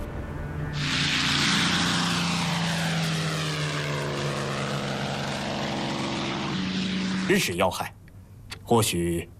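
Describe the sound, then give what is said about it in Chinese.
A special propeller plane from Nanjing carrying Chiang Kai-shek arrives suddenly at Xi'an, its droning engine roaring loud, swelling and sweeping overhead for several seconds before easing off as a couple of voices speak briefly at the end. “南京来的专机，是南京的专机，突然到的。”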